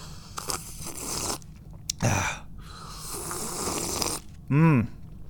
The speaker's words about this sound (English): And another thing I need to do is take a nice cool sip of this switchel that I've been drinking.